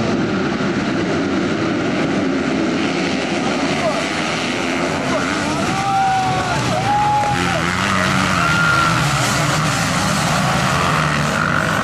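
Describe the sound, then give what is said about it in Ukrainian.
Loud, continuous roar of motocross motorcycles racing on a track at a competition in Bukovina, with engines whining and revving up and down in pitch as bikes pass, and faint crowd voices mixed into the din. “Адже складні маневри на шаленій швидкості – це не лише джерело адреналіну, але й великі ризики для спортсменів.”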